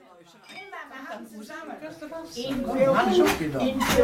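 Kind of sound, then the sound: household object, glasses clinking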